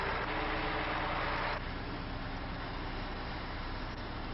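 A heavy truck engine with a broken backup alarm rumbles steadily at a construction job site, a dense low drone with a broad hiss over it that eases slightly after the first second and a half. No one speaks.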